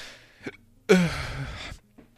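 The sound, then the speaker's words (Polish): A person hiccups: a short catch, then a louder, longer breathy spasm, and a faint final hiccup, with no talking in between. “Jakieś czkawki dostałem.”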